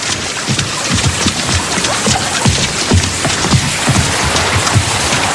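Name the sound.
water gushing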